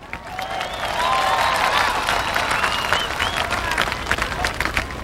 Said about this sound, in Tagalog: Gani, palakpak, ha? Palakpak kay Congressman Jess Marquez.